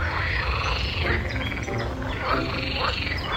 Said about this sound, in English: If you hear a chorus of toads arguing on lily pads in the distance, you're in the right place.